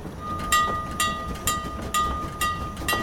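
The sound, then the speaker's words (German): A train rolls along with regular rhythmic clacks from the wheels over rail joints, while a thin, steady metallic squeal of braking sounds as it comes to a stop. “Oh, der Zug stoppt.”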